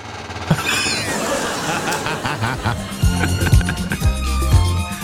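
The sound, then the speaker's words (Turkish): A swivel chair in a radio studio creaks in repeated squeaky, whining strains, likened to a windshield-wiper sound, as the person sitting on it turns left and right, with dull low knocks near the end and voices murmuring underneath. “Şu sandalyenin üzerine, oturan üzerine bir sağa sola döner misin?”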